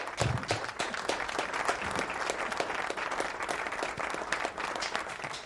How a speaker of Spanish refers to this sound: Aplauso, lo despedimos con aplauso.